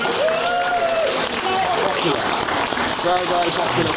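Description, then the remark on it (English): A crowd in the room applauds steadily for several seconds in support of singing the national anthem before council meetings, a dense, even wash of clapping, with a few raised voices and short whoops cutting through it. “All right, round of applause in the room if you think you should sing the national anthem before council chambers.”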